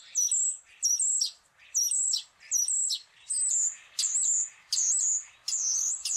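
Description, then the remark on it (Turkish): A common starling sings its normal song in a steady series of about eight bright, whistled phrases with rising and falling squeaky notes, each repeated at a regular pace, loud with no talking. “Ama ben ilk önce sığırcığın normal ötüşünü dinletiyorum.”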